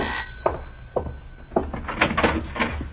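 The front door of a house is unlatched and pulled open to answer a caller, with a few sharp clicks, a rattle and a creaking sweep over roughly three seconds, no one speaking.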